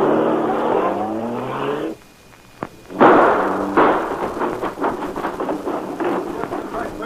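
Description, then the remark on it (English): A car engine revs loudly with a rising whine, cuts out briefly after a sharp click, then roars back in a rough, noisy surge as the car speeds off to drive straight through a fence at the rear. “The car. Get in. I'll drive. Hang on. We're going straight through that fence in the rear.”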